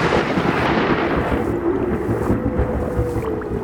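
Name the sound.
thunderstorm with rolling thunder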